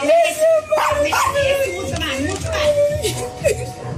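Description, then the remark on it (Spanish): An excited dog barks and yips in quick bursts, celebrating along with the people, mixed in with people talking and a lively background throughout. “El perro celebra también, ¿no? Allá está también.”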